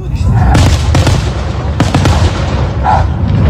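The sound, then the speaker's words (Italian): Loud fireworks bursting over a small field in rapid succession, sharp cracks and booms over a constant rumbling din, with faint voices and other noise mixed in the background. “Secondo voi era giusto che quel cane stesse lì proprio nel campino sotto questi fuochi?”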